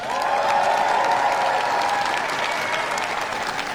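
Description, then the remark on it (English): Sustained applause from a large audience watching Prime Minister Burnham's first speech as Britain's prime minister, a dense, steady wash of clapping that stays loud and even throughout, with no voices standing out. “The applause of those watching Prime Minister Burnham's first speech in that role as he gives his wife a kiss and then goes to have his photographs taken by the waiting members of staff and also the media there.”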